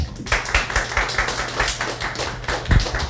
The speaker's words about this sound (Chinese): 让大家给他掌声。